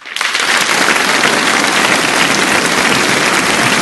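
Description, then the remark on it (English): A crowd bursts into applause, a dense, steady wash of clapping that starts abruptly and holds at an even, loud level throughout, with no voices over it. “Thank you to the crowd.”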